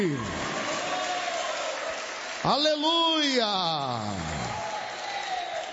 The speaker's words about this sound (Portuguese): Pode aplaudir a Jesus e dar glória a Deus aí.